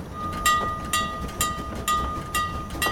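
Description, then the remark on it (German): A train comes to a stop at the end of a journey of nearly nine hours, with evenly spaced rhythmic clacks roughly twice a second over a low rumble, while a thin steady whine, like brakes squealing, holds underneath. No voices. “Oh, der Zug stoppt.”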